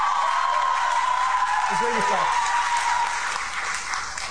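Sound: audience booing a speaker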